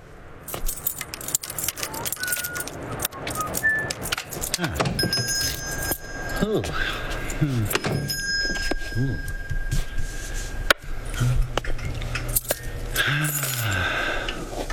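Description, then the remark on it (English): A small bell above a shop door jingles and rings as a customer comes in, with bright metallic tones that linger, shaking repeatedly over several seconds while people murmur brief exclamations underneath. “You realize, of course, there's a more efficient way to let you know a customer has come in than the employment of that small bell above the door.”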